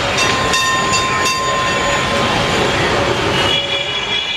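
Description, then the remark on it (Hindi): A tram bound for Belgachia rumbles steadily along the tracks, loud, with metallic wheel squeals ringing out and a few sharp clanks early on. No voices. “इधर यह ख्याल आया और उधर मुझे एक ट्राम दिखाई दी।”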